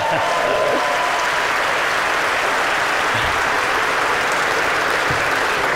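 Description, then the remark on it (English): A crowd applauds for Tony Benn steadily for several seconds, a dense, sustained wash of clapping at a fairly even, strong level with no voices standing out. “Give Tony Benn a round of applause.”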